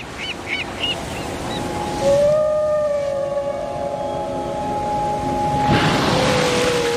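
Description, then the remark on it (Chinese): A Bryde's whale off Weizhou Island, China's youngest volcanic island, lets out a long, steady moaning call with a slight upward slide, held for several seconds over a constant wash of ocean noise, after a few faint high chirps. “因为有了这座岛，人们惊喜地发现它们竟然和布氏鲸成了邻居。”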